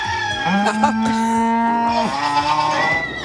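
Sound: cow mooing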